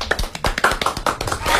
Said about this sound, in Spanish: Nos despedimos con otro aplauso entonces.